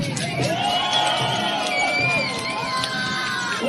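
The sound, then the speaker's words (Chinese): A large crowd cheers and shouts continuously at a dragon boat race on the Grand Canal in Beijing, spectators packed along both banks, with whoops and overlapping voices rising and falling in a dense, lively roar that fills the whole stretch without pause. “大运河上古典激扬，龙舟比赛开疆竞渡，劈波斩浪，运河两岸摩肩接踵，加油声、欢呼声此起彼伏。”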